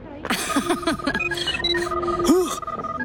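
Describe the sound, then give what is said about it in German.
A phone alarm rings out, signalling that a house door has been opened, in a quick electronic melody of bright, warbling tones, fairly loud, with some sliding pitches and a steady tone running underneath. “Mein Buh-Phone. Alarm aus meinem Hus.”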